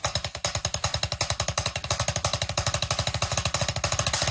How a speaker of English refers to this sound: It's a foundational drumming technique that combines single and double strokes, and it sounds a little bit like this.